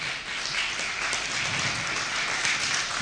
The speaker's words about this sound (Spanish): Dale un fuerte aplauso. Amén.